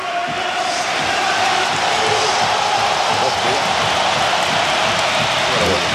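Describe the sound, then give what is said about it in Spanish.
A large football stadium crowd gives a sustained ovation for Isco Alarcón as he comes on to replace Lo Celso, a dense, steady wash of applause and cheering that holds at full strength from start to finish. “Ahí se va a marchar Lo Celso y vamos a escuchar la ovación a Isco Alarcón.”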